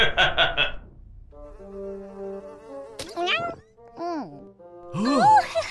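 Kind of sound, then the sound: insect, flies buzzing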